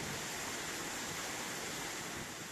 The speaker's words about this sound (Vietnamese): Làng du lịch sinh thái cộng đồng Ano có 3 thác nước liên hoàn với độ cao từ 8m, 60m và 120m. Những tảng đá xù xì muôn hình vạn trạng, nước tung bọt trắng xóa, chôm xa tựa suối tóc mềm mại của đại ngàn Trường Sơn.